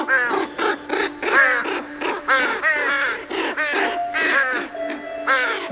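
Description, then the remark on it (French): A dense chorus of harsh, overlapping caws and croaks, seemingly voiced by several people imitating crows and toads, repeating in quick bursts for several seconds. “Cette nuit-là, paraît-il, tous les corbeaux et les crapauds du monde ont entamé sans se concerter une bien étrange chanson.”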